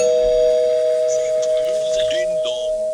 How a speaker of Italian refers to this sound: Il ding dong potrei anche non farlo. Sì. Ecco, non è un po' alto quel ding dong, sì, spacca i timpani.